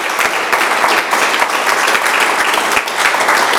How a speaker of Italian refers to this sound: Un altro applauso